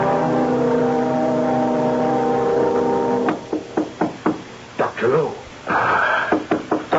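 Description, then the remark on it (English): Sharp knocks on a door early in the morning, before sunrise, come in two loose series of raps after a steady low humming drone fades out, the blows crisp and fairly loud with brief gaps between them. “Yes, just a moment. Be right there. Oh, come in. The door is open.”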